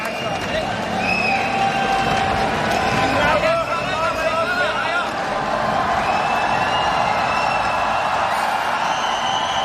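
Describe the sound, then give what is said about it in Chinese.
A large crowd at a tennis venue cheers loudly, a dense, sustained roar of voices and shouts that fills the whole stretch, with a few higher calls and whoops rising above it, because a men's singles match on Court 1 featuring home player Xie Di against Fahan is about to begin. “现场也是爆出了比较大的欢呼声啊。”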